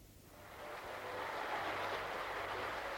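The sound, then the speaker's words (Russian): A Parisian audience applauds before a concert begins, hurrying it to start. A dense, steady wash of clapping swells slightly after the first second and holds at a constant level, with no voices standing out. “Вот, слышите? Это уже аплодисменты. Это перед началом концерта.”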